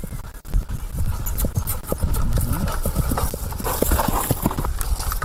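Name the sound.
horse hooves clip-clopping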